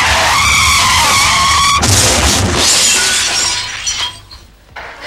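car skidding and crashing

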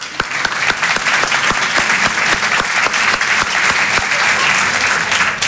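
audience applause

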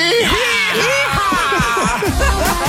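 group of people screaming

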